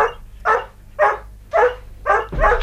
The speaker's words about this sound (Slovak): Počuješ, ako ťa víta? Je múdra a pekná. No vidíš. A keď som ti vtedy pred 3 týždňami povedala, že je to najkrajšia kolí